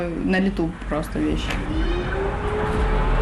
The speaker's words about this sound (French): On entend les sirènes en arrière-plan.